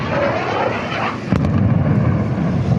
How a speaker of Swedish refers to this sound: Ljudet av explosioner blandas med vågornas brus i staden, som annars är känd för sina långa sandstränder.